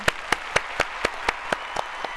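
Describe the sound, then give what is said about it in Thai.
Audience clapping in a steady, even rhythm, about nine crisp claps in quick succession at moderate loudness, with no voices over it, applauding after both contestants answered a quiz question correctly. “ข้อนี้ใครได้คะแนนครับ ข้อนี้ตอบถูกทั้งคู่เลยค่ะขอเสียงตบมือด้วยค่ะ”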